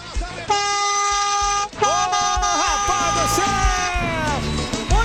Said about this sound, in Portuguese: Isso aí, acabou o nosso buzinaço. Obrigado a todo mundo que buzinou, brincou com a gente na nossa madrugada.